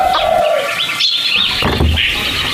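Chickens clucking and squawking in a loud, overlapping flurry of calls, with high, wavering notes that rise and fall continuously for a couple of seconds, as a hen is taken to be killed for cooking. No one speaks.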